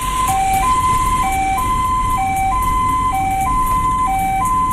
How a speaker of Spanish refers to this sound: Piensen en la sirena como una voz que dice: ¡permiso! ¡Necesito pasar!